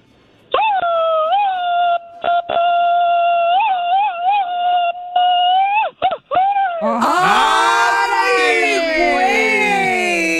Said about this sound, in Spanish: échate un grito mariachero.